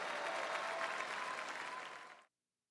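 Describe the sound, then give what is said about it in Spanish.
Steady, dense applause from a group of people for a singer after her performance, loud, holding evenly for about two seconds before cutting off abruptly into silence. “Demasiada como para tan poco aplauso.”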